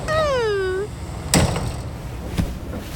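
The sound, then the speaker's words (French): A short falling tonal whine, then a train's sliding door thuds open and bangs shut about a second later, over a steady low rumble of the moving carriage. “Attention, Toudou, il ne faut pas jouer avec les portes, tu vas te pincer les doigts.”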